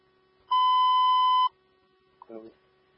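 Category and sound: signal or alarm, dispatch alarm tone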